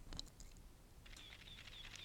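A faint mechanical shutter click of an analog camera, followed by quieter whirring and clicking, like a film advance, all heard at low volume with no talking.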